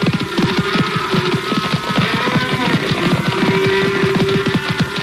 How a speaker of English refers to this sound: I reached the lone rider just ahead of the stampede.